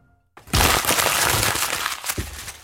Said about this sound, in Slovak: Ten papier už nebudeme potrebovať. To je starý scénár. A prečo ho krčíš a vyhadzuješ?